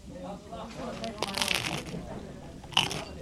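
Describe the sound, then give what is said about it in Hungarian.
A moka pot gurgles and sputters, with irregular crackling, hissy bursts of steam and coffee, swelling in the middle and ending on one sharper spurt. “Ilyen hangot ad ki a kotyogós kávéfőző.”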